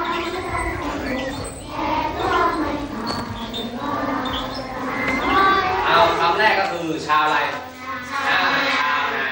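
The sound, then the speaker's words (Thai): A group of Hmong schoolchildren in Thailand sings the Thai national anthem together in unison at the start of a new school term, their voices bright and sustained over a steady, continuous phrase, with a faint crowd murmur underneath. “วันนี้เด็กๆชาวม้งเริ่มต้นการเปิดเทอมใหม่ด้วยการร้องเพลงชาติเพื่อสร้างสำนึกในความเป็นไทยตั้งแต่วัยเยาว”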